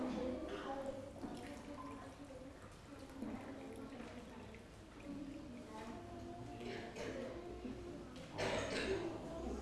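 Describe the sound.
Water pours steadily from a jug into a glass, a continuous splashing trickle that swells near the end, with faint voices murmuring in the background.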